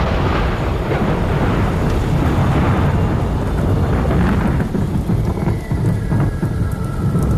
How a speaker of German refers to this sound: Dann, wie aus dem Nichts, goss es wie aus Kübeln.